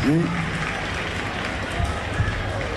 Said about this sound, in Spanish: Che, fuertes los aplausos y un agradecimiento muy especial por estar transmitiendo aquí en vivo esta peña hermosa. A la gente de Cadena 3, fuertes los aplausos, por favor.